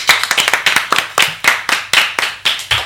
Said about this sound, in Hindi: तो आपकी कविता देखो सबको बहुत पसंद आई, सभी ने खूब तालियां बजाई हैं